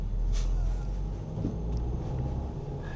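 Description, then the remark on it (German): Steady low engine rumble from inside or beside a car driving through city traffic on a detour around a construction site, with faint road noise and a couple of brief clicks, continuous and fairly loud throughout, no voices. “Und dann läuft ein Fußgänger auch noch fast vors Auto.”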